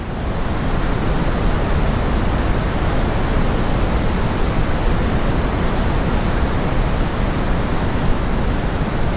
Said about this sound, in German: Pink Noise oder eben rosa Rauschen klingt so.